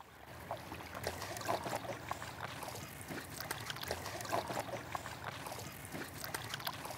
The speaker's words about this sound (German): Aufs Wasser, oder? Los geht's. Gut. So, jetzt sitzen wir alle in einem Boot. Und los geht's. Die wilde Fahrt weiß ich nicht, aber ich glaube, es ist total gechillt hier.